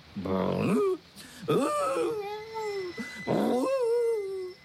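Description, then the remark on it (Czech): Three loud, drawn-out whining moans with sliding pitch, separated by brief pauses, sounding like a man, a father, imitating a dog's whine and growl. “až budu na úřadě vysvětlovat, že jdu zaplatit daň ze psa za svého taťuldu”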